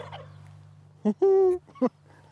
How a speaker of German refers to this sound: Mein Chor. Nur ein Puter stimmt nicht mit ein.